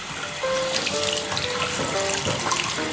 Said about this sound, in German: Ja, und jetzt mache ich mal das Wasser an. Ich stehe hinter dir. So, ist es angenehm warm?